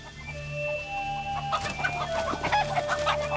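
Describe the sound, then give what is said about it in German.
Young roosters clucking and squawking in a standoff, with a busy burst of sharp, agitated calls in the second half over a steady low background hum, no talking. “Wir haben jetzt 9 Hühner und 3 Hähne.”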